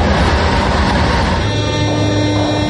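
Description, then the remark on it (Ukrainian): A metro train runs loudly and steadily across the Dnipro without stopping, a dense rumbling roar with a rising whine that settles into steady tones partway through, and no voices. “За жовтого рівня поїзди курсують через Дніпро без зупинки.”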